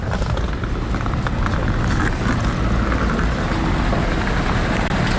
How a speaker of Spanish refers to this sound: Mira, acaban de parar, el coche le han estacionado, el Peugeot